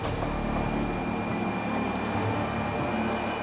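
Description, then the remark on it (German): A steady, loud rumble of a Japanese Shinkansen high-speed train running on rails in Japan, with continuous low mechanical droning and a faint high whine throughout. No voices. “Wir bleiben zunächst beim Shinkansen, was so viel wie neue Stammstrecke bedeutet.”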